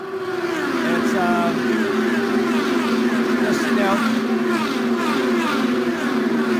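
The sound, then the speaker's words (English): A race car engine drones loudly and steadily throughout, holding a high, buzzy pitch with slight wavering as the car circles a 2.5-mile oval track, continuous without any break. “He's now back out on the 2.5 mile oval.”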